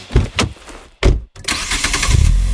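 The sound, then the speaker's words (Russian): The powerful 238-horsepower engine of a Geely Monjaro all-wheel-drive car cranks in a few quick bursts, pauses, then catches and settles into a loud, steady rumble, with no one speaking. “А мощный двигатель 238 лошадиных сил и полный привод покоряет любую дорогу.”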